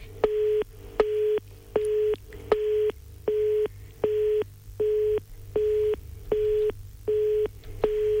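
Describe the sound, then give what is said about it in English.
A telephone line tone during an outgoing call, about eleven short, even beeps pulsing in a quick steady rhythm, clear over a faint low hum, with no talking. “It's ringing. It's ringing.”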